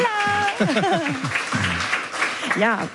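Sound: applause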